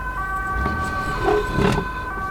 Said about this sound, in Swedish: En ambulans. Va? Den kör iväg.